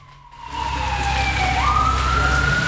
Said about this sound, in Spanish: Carabineros. Patrulla de carabineros, alta velocidad por la calle Las Heras.